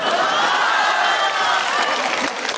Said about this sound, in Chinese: 我都这么惨了你们还鼓掌啊？